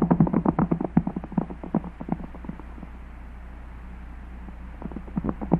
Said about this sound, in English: His horse must be fresh, and ours are tired. We can't seem to gain on him. No, but at least we're not losing ground.